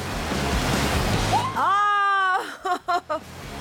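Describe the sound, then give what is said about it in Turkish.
Ocean waves about 1.5 metres high, in water around 12°C, splash and rush loudly for about a second and a half as someone jumps from rocks into the waves. A voice then lets out a long rising shout, followed by a few short clipped bursts. “Kayalara çıkıp dalgalara atladım.”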